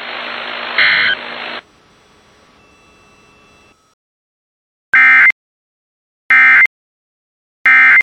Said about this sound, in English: When there is a threat of or existing severe weather in the area, the test will be postponed until the following day. This ends the test of the no weather radio warning alarm.